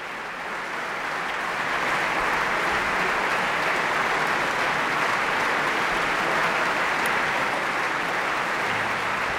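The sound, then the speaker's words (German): Sustained audience applause after a piano performance by pianist Juliana Avdjejeva, a dense, steady wash of many hands clapping that swells in the first two seconds and then holds at full loudness, with no talking. “Das Publikum scheint jedenfalls sehr begeistert.”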